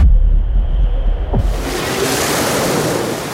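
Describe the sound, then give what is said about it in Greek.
Steady surf washes onto a sunny beach, a broad continuous rush of waves with low rumbling underneath, brightening and swelling after the first second and a half. No one speaks. “Αχ, ήλιος, θάλασσα, ξαπλώστρα, κινητό στο αθόρυβο.”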